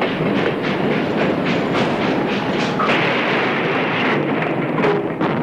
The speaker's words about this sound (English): Now the engine passed right by the house as it neared the Honey Creek Bridge.